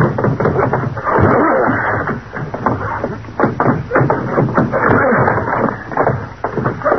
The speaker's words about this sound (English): We'll probably have to force that old door. Get ready. We'll hit it together. I'm ready. All right. Now.